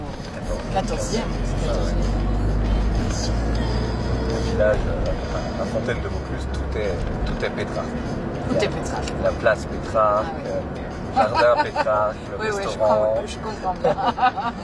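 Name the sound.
inside a moving car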